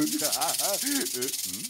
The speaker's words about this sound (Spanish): ¡Serpiente! ¡Auxilio! ¡Auxilio!